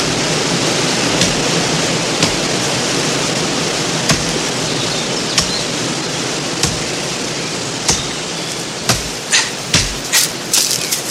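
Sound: waterfall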